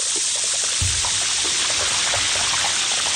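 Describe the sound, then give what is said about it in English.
Countless tiny pops and crackles from glacier ice bubbles, pressurized by being squeezed within the glacier, bursting explosively into the ocean water as the ice flows into it, blend into a dense, steady fizzing hiss, with a few slightly louder snaps scattered through it. “They get to the ocean and they pop out explosively into the water.”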